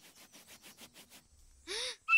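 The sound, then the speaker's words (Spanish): A feather whistle is blown: about eight soft, rhythmic breathy puffs, then a louder airy blast with a bending tone, and a sharper, clearer whistle starting right at the end. “Se llama silbato de pluma, pero no costó ni un centavo.”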